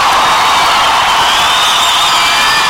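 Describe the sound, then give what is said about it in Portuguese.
A large crowd applauds the Holy Spirit of God, cheering loudly and continuously, a dense wash of clapping mixed with shouts and whoops from many voices. “Aplauda o Espírito Santo de Deus.”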